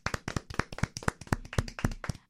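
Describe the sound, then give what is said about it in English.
A short burst of hand clapping at the end of the show Lola and Friends, sharp crisp claps coming quickly in a slightly uneven rhythm for about two seconds, with no voices over it. “Can we get a clapping?”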